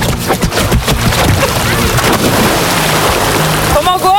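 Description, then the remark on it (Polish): A few quick thuds lead into a loud, sustained splash as someone takes a running jump into Lake Leśnia (Jezioro Leśniańskie), near Czocha Castle, to cool off on a hot day, followed by churning, washing water and a brief voice near the end. “No to rozpędzaj się, a ja nagrywam twój wielki plusk.”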